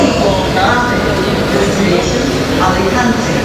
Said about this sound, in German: Die beiden erklären uns etwas über diesen Bahnhof und den superschnellen Zug, der fast ein Flieger ist, der uns gleich jetzt von Madrid nach Andalusien bringt.